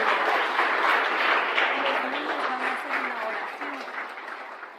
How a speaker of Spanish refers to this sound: Dale el aplauso al Señor, gloria a Dios.